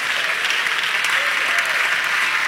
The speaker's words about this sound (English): Thank all 20 of y'all for clapping on that. I appreciate that.